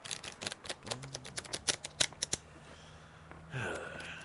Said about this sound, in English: took the deck and shuffled.